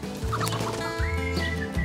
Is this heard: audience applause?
no